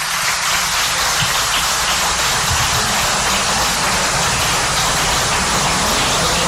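Loud, sustained applause from a crowd, a dense hiss of many hands clapping continuously without pause for several seconds, steady in volume throughout.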